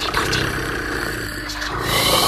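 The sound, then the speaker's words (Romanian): A person imitates a cat purring with their voice to lull someone to sleep, a steady, rumbling, rough, throaty drone with a fluttering low pulse that holds at an even loudness for about two seconds without any words. “Stai să-i mai torc puțin.”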